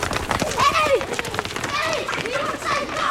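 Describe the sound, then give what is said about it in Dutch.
Quick, rhythmic footfalls of a person running at about 10 kilometres per hour, with excited voices calling out over the steady patter. “Ik ga rennen zo hard als een egel.”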